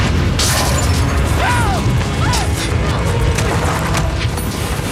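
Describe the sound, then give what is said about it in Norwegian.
A spacecraft hull breach: air rushes out through a hole in the hull, a loud, steady roar of wind filling the whole stretch, blowing papers and other things out, with clattering debris, metallic creaks and a few squealing whistles layered on top. “I noen katastrofefilmer går det hull i et flyskrog, eller enda verre, hull i et romfartøy, og straks oppstår det en kraftig vind i hele rommet som blåser papirer og andre ting ut gjennom hullet.”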